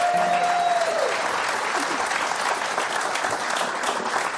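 A steady burst of audience applause for a musical group, dense and loud throughout, with a brief sustained tone fading out in the first second as the clapping continues.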